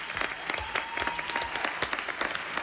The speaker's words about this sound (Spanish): Pido un aplauso para Rafa Berrocal y también para los actores que han dado voz a este cuento.